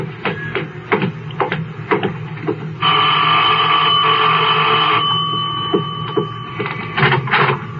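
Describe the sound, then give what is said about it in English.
A doorbell rings with one steady, buzzing electric tone lasting about two seconds at number 11920 Walter Road, an older, large house that took in boarders, set among scattered clicks and thumps before and after. No one speaks. “I'll get the bell.”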